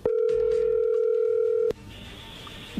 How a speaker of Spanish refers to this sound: Bueno, a ver, ahí se está marcando, ahí entra la llamada.